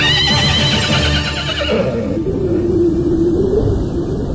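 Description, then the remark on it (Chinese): A horse ridden by an armed rider charging through mist toward heavy gunfire gives a loud, shrill whinny with a quavering, wavering pitch, fading into a lower, drawn-out neigh over a steady low rumble, like hooves, with no talking. “他似乎根本不介意身边穿来飞去的那些流光，很从容地斜弯下身来，顺手把鬼子尸体上的钢盔和身边的枪挑起来挂在马上，然后又向着稠密的枪声和流光冲去。”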